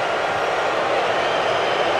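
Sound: stadium crowd booing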